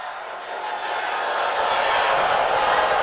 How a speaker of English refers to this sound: You hear the people screaming?